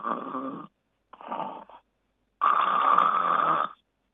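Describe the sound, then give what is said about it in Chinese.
A voice imitates continuous snoring without breathing pauses (apnea): three rasping, rumbling snores, two short ones followed by a longer, louder drawn-out snore, in a steady rhythm with brief pauses between. “这是持续的鼾声。”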